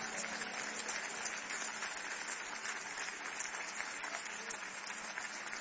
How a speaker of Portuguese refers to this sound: Pode aplaudir o nome do Senhor, pode.